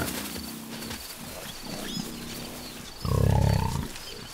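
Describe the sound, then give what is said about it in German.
Wild boar grunting: soft, low grunts from about half a second onward, then a louder, deep rumbling grunt near the end. Faint high bird chirps sound in the background throughout. “Eine Etage tiefer wird nicht gezwitschert, sondern gegrunzt. Das Sprachrepertoire der Wildschweine umfasst viele verschiedene Laute.”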